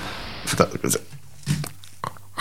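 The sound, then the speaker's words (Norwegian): Crisp crunches from biting into a raw potato: four or so sharp, brittle snaps spaced irregularly, with quiet chewing between them and no talking. “Oi, ordentlig knas fra... Eller ikke knas i gang, men... Skal jeg sprø poteten? Nei, det er som et eple, liksom.”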